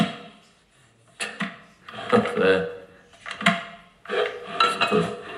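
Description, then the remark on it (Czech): Clunks and clatters as an electric kettle that will not switch on is handled in a kitchen, coming in several short, uneven bursts with scraping and knocking of hard plastic and metal. “To je zajímavý, ta konvice nějak nejde zapnout.”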